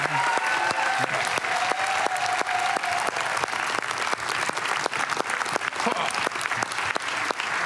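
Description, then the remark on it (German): A crowd applauds Christoph Maria Herbst, clapping steadily and loudly for the whole stretch, dense overlapping hand claps with a few sharper individual claps standing out, and no voices rising above it. “Großer Applaus.”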